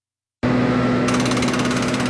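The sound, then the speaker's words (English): After a moment of silence, a loud construction jackhammer starts abruptly, part of the construction underway in downtown Guelph, a steady rapid pounding over a low mechanical hum, with sharper rattling pulses joining partway through. No one speaks. “Construction may be underway, but the heart of downtown is still beating strong.”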